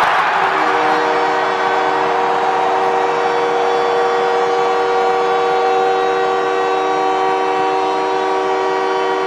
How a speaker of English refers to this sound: Well, the captain of the Canadians, Nick Suzuki, gets the crowd into hysterics as he gets the Canadians to within one with his 22nd goal of the season.